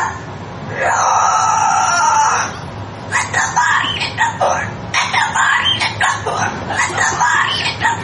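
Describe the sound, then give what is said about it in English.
A cockatoo lets out a long, harsh screech, then a run of choppy, speech-like squawks and chatter, loud, with no one else talking. “I just bought a cockatoo from a guy on Craigslist. And it keeps on making these noises.”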